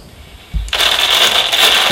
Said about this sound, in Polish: Wiecie Państwo, jak szeleści foliowa torba?